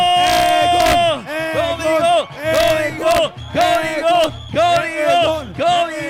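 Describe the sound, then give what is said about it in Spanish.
A crowd chants and cheers for the Código X team during a penalty kick, in loud, rhythmic bursts, many voices shouting together in repeated phrases with brief dips between each round. “Venga, vamos, amigos, hay que gritarle bien fuerte a los amigos de Código para que le echen ganas.”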